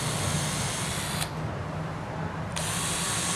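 A power drill bores steadily into wood, held as straight as possible and pushed fully in, its motor whining loud throughout; midway the tone dulls and bogs down under load for about a second before returning to full speed.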